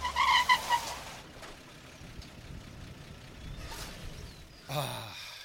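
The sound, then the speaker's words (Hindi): A car rumbles along, engine noise steady as it swings around a turn into a crowded lane, with a short tonal whine at the start and a few soft whooshes of moving air. “Boss इस गली में मोड़ लो, इसकी भीड़ भाड़ में कैमरे ठीक से कैच नहीं कर पाएंगे इसे, और फिर भीतर उस कुलिया में आप जैमर फिट कर लेना।”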